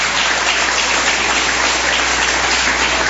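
Sustained applause from a church audience welcoming the pastor and applauding Jesus. It is a dense, steady wash of many hands clapping at once with no voices standing out, holding loud and even from start to finish.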